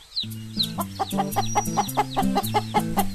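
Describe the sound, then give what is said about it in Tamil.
Country chicken chicks cluck and peep in a rapid, steady stream of short calls, with a few higher chirps mixed in and no talking. “ஆஹா, இது நாட்டுக்கோழி குஞ்சாச்சே.”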